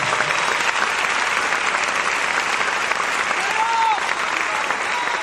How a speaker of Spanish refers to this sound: Déselo fuerte al Señor ese aplauso.